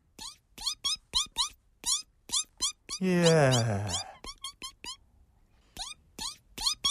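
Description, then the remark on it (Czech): A chick that has just hatched from a white egg peeps in a rapid run of short, high, rising chirps, briefly interrupted midway by a louder, voice-like harmonic sound before the peeping resumes. “Páni, z vajíčka se vylíhlo kuřátko.”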